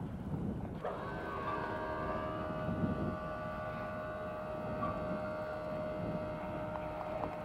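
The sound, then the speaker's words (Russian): A steady, high-pitched engine whine starts after about a second and holds over a low, continuous rumble as an airplane at a Leningrad airport, with Tito and his wife aboard, prepares for departure while its boarding stairs are removed. “Вот уже убирают трап, и самолет готовится к отлету.”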